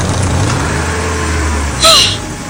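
A bus engine rumbles low and steady, then a short, loud hiss of air brakes bursts out near the end with a brief squeal.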